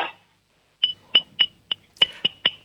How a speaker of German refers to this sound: Und dann klimperst du mal an das Trinkglas mit dem Löffel.